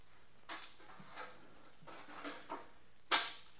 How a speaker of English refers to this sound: Then I heard the door open.